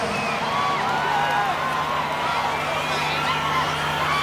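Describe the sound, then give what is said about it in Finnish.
A dense live concert audience roars continuously, with overlapping shouts and high screams rising above a steady wash of cheering and babble, loud throughout with no pauses. “Ja aikamoista huutamista.”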